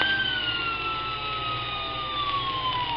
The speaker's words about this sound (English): And the little fire engine blew its little moaning siren.